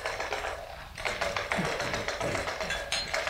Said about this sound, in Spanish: Sí. Estos cuatro hombres se juntan casi todas las noches para eso, para jugar a los dados. Desde hace años.